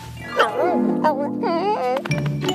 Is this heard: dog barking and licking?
yes